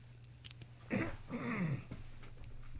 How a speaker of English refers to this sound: Don't know what it is, I have to keep clearing my throat.